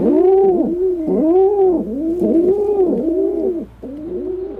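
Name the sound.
rock pigeon cooing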